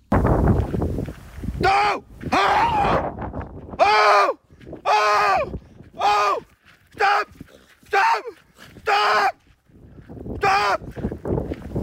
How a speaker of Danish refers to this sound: Han fortæller, at ulven kom meget tæt på og viste tænder. Han råbte højt og viftede med armene for at få ulven til at gå væk, inden ulven stoppede få meter fra ham. Det lød sådan her.